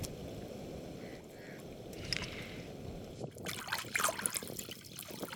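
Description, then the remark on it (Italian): Watery sloshing and dribbling as coconut husk fibres, the outer husks of coconuts soaked a month in the sea, are rinsed and squeezed, with a steady wet churn that grows into louder splashes and trickles toward the end. “Si strappa via qualcosa. Si sciacqua, si strizza e finalmente ci sembra di capire.”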